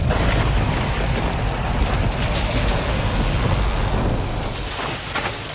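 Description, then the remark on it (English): A heavy storm with hail and wind pours down steadily, with a deep rumbling roar underneath and sharp pattering impacts peppering the surface throughout, loud with no voices. “Hail can bruise shingles, wind can lift taps, and falling tree limbs can crack or even punch through your roof.”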